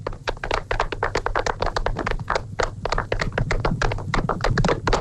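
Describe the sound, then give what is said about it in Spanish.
A crowd applauds steadily, many hands clapping in a dense, continuous patter of sharp claps with a low rumble underneath, sustained at an even, fairly loud level throughout. “¡Un aplauso para Emperador!”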